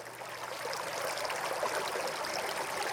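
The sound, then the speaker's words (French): A waterfall at the Galerie de la Cascade site in Salles-la-Source cascades steadily, its broad rushing hiss of flowing water filling the scene at an even, moderate level from start to finish, with no voices. “Et vous entendez des bruits d'eau, parce que de cascades il s'agit bien sûr.”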